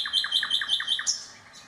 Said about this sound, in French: Au bout des jardins, il y avait une forêt qui menait jusqu'à la mer. Et dans cette forêt, il y avait un rossignol au chant mélodieux.